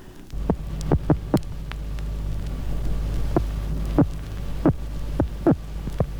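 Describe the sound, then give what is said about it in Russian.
Sharp, separate electric pulses that an electric catfish emits in defence, about ten crisp clicks in irregular bursts over a constant low electrical hum, with no voices. “Сейчас вы слышите вот эти отдельные удары, электрический сом издает во время обороны.”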